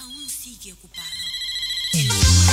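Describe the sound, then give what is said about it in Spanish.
A telephone rings with a bright, electronic ringtone, its steady repeating tones rising in loudness toward the end, while a voice and background sounds are briefly audible near the start. “Este es el teléfono.”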